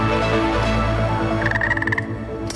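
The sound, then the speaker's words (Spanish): A frog croaks loudly, a dense, buzzing call that breaks into a quick pulsing trill near the end. No one speaks. “Todo empezó con una rana mágica”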